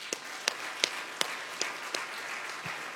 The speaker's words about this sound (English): Yeah, clap for that.